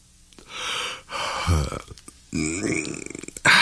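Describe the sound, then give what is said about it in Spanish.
Someone yawns: breathy inhales, then a drawn-out voiced groan that slides down in pitch and trails off, ending in a short sharp breathy burst. “Muchas veces, lo primero que hacemos al empezar el día es bostezar.”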